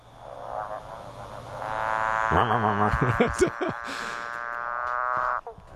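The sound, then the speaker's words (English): A male frog's mating call to attract a female: a loud, buzzy trill that swells in and holds for several seconds, with warbling pulsed notes in the middle before cutting off abruptly. No voices. “it's a he's a beautiful, sexy boy, and he's interested in a girlfriend for sure. So it's a love song.”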